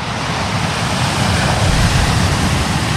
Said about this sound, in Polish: Wakacyjne śniadanie mistrzów z szumem fal.